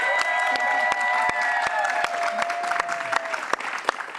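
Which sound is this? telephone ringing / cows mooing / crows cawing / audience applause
audience applause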